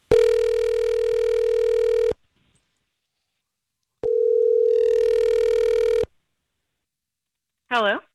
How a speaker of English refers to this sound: About to make that phone call.